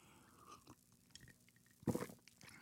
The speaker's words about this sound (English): Maybe a sip of River Moon coffee will help.